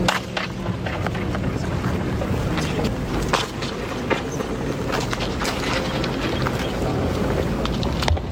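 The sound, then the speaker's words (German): Sounds ring on and on in a reverberant hall with a very long, up to sevenfold echo that can linger up to 20 minutes, piling into a dense, rumbling, steady wash scattered with sharp clattering hits, each one smearing into long repeated echoes. No one speaks. “wenn man da zu sehr mit dem Fuß auf den Boden stapft, in die Hände klatscht oder sich räuspert oder hustet, hat man ein sehr langes bis siebenfaches Echo, das man mal bis zu 20 Minuten da drin hängen bleiben.”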